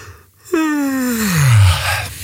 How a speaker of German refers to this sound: Das ist fies, oder? Ich lasse mich auch immer anstecken, wenn irgendwo irgendwer gähnt, sogar im Fernsehen.